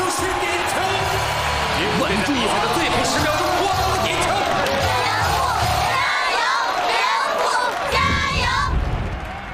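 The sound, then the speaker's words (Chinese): A stadium crowd at a football match roars loudly and continuously, a dense wall of cheering and shouting voices that holds steady for the whole stretch and swells slightly near the end, in the final minute as the Salt Lake team attacks. “最后一分钟，最后一分钟了，观众都沸腾了。”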